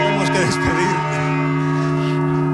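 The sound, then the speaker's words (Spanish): Bells of the Cathedral of Alcalá heard from inside its bell tower: loud, sustained ringing with layered, humming overtones throughout, while a voice briefly speaks early on. “Escuchando el sonido de las campanas desde el interior del campanario de la Catedral de Alcalá, desde el interior del campanario de la Catedral de Mondoñedo.”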